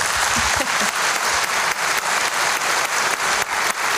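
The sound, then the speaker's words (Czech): Sustained applause from an audience for a singer who received a gold record this week for his CD, a dense wash of many hands clapping steadily at even loudness for the whole stretch, with a few faint voices mixed in at the start. “Ale tento týden za to CDčko dostal zlatou desku, tak mu ještě jednou zatleskejte.”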